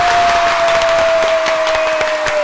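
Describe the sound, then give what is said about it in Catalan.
A studio audience applauds steadily as a presenter makes his entrance into the studio, a dense wash of many hands clapping loudly with a few sharper individual claps, while a faint sustained tone hums underneath the whole time. “que fa la seva entrada a l'estudi amb l'aplaudiment de tot el públic aquí assistent!”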